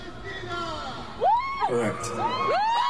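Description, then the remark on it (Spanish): A large crowd at a concert in Amsterdam roars continuously, with loud rising whoops and shouts from individual fans, including a shout of 'viva Palestina' in Spanish, cutting through the steady cheering. “ha estado en Ámsterdam tocando y alguien gritó en español, ¡viva Palestina!”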